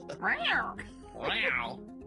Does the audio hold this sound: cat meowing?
yes